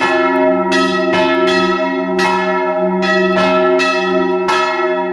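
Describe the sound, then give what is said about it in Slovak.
Church bells peal loudly from a belfry built apart from the church and holding three bells, the largest named Saint Urban; several bells struck in an uneven, overlapping pattern, their deep tones ringing on and blending into a continuous resonant hum between strikes. “Mali sme možnosť počuť zvony z tunajšej zvonice a my sa práve nachádzame už aj priamo pri nich”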